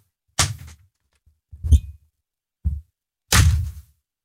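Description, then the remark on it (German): A Radio 7 studio door slams shut as the host leaves, among a series of four heavy thuds spread over a few seconds. The first and last are the loudest and sharpest with a crashing edge, the middle two duller. No one speaks. “Wenn du die Tür knallen hörst, dann bist du dran.”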